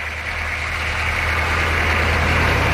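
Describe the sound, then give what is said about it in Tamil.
A lorry that has pulled up before sunrise idles, its heavy engine a steady, loud low rumble with a constant hum that holds throughout, swelling very slightly toward the end, with no voices. “அடுத்த நாள் சூரியன் உதிக்கும் முன்பே ஒரு லாரி வந்து நின்றது.”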